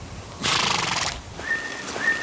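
A person whistles two short, steady high notes in quick succession, following a brief loud rushing burst of noise; no one speaks.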